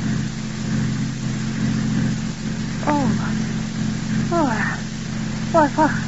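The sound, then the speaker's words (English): A car engine hums steadily at a low, even pitch as the car drives back up a road toward a turnoff, with a few brief high squeaky chirps breaking through near the end. “5 minutes later, Paul has hurriedly turned the car around and drives back up the road to the turnoff marked Dr.”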